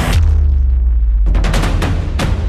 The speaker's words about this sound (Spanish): Hay una entrada segura, comprobando lo que había, y utilizando el equipo de movimiento y traslado han traccionado desde fuera aquello que le parecía sospechoso. Y al traccionar ha habido una explosión, pero la explosión se ha quedado ahí dentro.